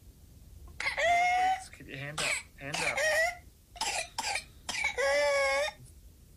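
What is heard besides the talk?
child's whooping cough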